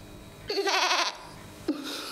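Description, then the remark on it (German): A goat lets out a long, quavering bleat, followed after a short pause by a second, lower bleat that trails off at the end. “Und wie soll ich das meinen Ziegen erklären?”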